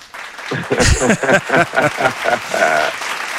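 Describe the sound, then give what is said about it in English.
A loud burst of canned applause sound effect, played in by a host to welcome a guest, with cheering voices mixed in, a steady wash of clapping that holds for about three seconds. “Hold on, let me get my applause.”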